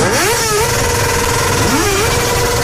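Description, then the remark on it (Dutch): Mopeds without exhaust pipes rev as loudly as possible during Luilak in the Netherlands, waking people early on a warm day; their raspy engine pitch climbs, holds, dips and rises again in a continuous buzzing whine with no talk over it. “Zij werden uit hun bed getrild door het geluid van brommers zonder knalpijpen.”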